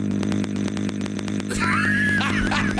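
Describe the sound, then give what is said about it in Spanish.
A loud, raspy chainsaw-like engine drone revs continuously, with rapid rhythmic rattling pulses at first, then a wavering, rising whine layered over the steady buzz. “Oye, güey, si le das igualito que motosierra. Voz de motosierra, güey.”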